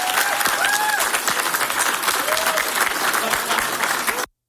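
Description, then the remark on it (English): A crowd claps steadily for about four seconds, a dense, loud patter of many hands with a few faint cheers and voices rising above it before it cuts off abruptly. “And like I said with the other, I would encourage you to applaud her.”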